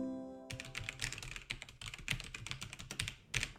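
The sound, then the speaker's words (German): Rapid typing on a computer keyboard while trying to crack a password, a dense stream of crisp plastic key clicks, continuing steadily for a few seconds after a brief quiet start, with no voices. “Ich mache mich jetzt auf jeden Fall mal an den Computer. Hier, ich habe meine Tastatur dabei.”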